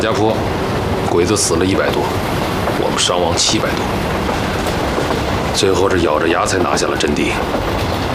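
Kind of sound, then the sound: vehicle, train running on rails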